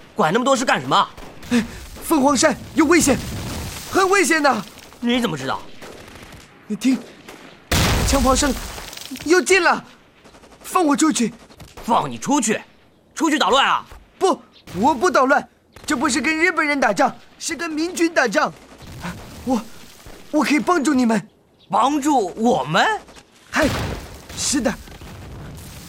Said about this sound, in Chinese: 有枪炮声，你看，大仗。 部队在训练。啊， 不，你骗我，我是军人，我知道这是大仗。